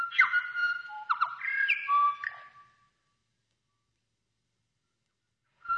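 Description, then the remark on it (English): A New Zealand bellbird (korimako) sings alone, a short phrase of clear, ringing, bell-like whistled notes lasting about three seconds before silence, with a brief final note at the very end. “The Korimako, the Bell Bird.”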